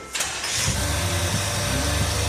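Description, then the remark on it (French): An engine is started so its rocker arms can be adjusted while running, using a homemade sheet-metal plate. It cranks with a brief burst, then catches and settles into a steady, low rumbling idle with a throbbing rhythm, loud and continuous with no voices. “Donc une tôle fabrication maison qui permet de régler les culbuteurs moteur tournant. Je la mets en route.”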